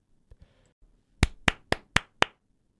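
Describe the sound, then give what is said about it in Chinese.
Five sharp hand claps in an even, steady rhythm, loud and crisp, preceded by a couple of faint soft taps and a brief low rustle, with no talking. “掌声鼓励一下。”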